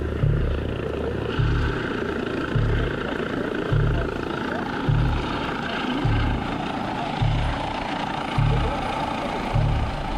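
A helicopter landing, loud, its rotor thumping in a steady beat roughly once a second over a continuous roar of engine and wind noise, with no voices.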